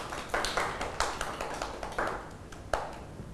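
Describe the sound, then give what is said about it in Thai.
Children in a class clap their hands for a classmate at the teacher's request, in a loose, uneven burst of applause, with several sharp claps standing out over a softer patter, and no one speaks. “เก่งมากค่ะเด็กๆปรบมือให้”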